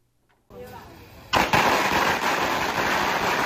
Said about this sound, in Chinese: 鞭炮噼里啪啦响，红榜直接贴上家门。